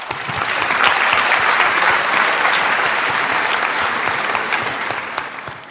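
Sustained applause from an audience at an opening ceremony, welcoming Alessandro Onorato, Rome city councillor for major events, sport and tourism, to the podium; a dense, steady wash of many hands clapping at an even loudness throughout, tapering slightly near the end, with no voices standing out.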